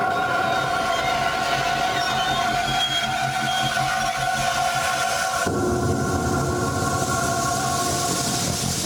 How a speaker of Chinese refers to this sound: 1867年8月27日夜，一列火车经过大草原，为东线铁路工程队提供补给。